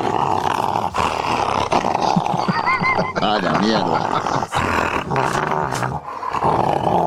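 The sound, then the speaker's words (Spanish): A recording of a female dog baring its teeth, growling and snarling aggressively for several seconds in a continuous, rumbling stretch, loud, with a man's voice speaking briefly over it. “Y ese muestra los dientes, ¿no? Claro, es una perra.”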